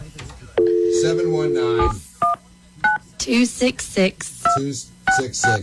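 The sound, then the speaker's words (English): A steady tone gives way to several short telephone keypad beeps as a phone number is dialed, each a brief two-note chirp, pressed at an uneven pace while people talk over and between them. “Just press a number while they're in your phone.”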